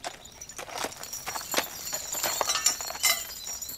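Horses walk along, their hooves clip-clopping in an uneven, plodding rhythm of sharp knocks, with a thin high-pitched squeal layered faintly over the steps and no one talking.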